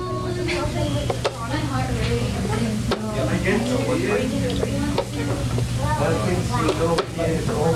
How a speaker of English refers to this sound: That's a chess timer, her clock. It helps ensure neither player takes too long. If one player runs out of time, it could mean they lose the match.